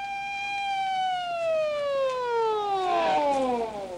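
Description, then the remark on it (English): A police siren wails loudly and steadily, its harmonic tone sliding slowly downward as it sweeps past, with a second overlapping siren tone rising briefly near the end. “Well, a couple of minutes later, when the police car came howling into the neighborhood, I headed up an alley.”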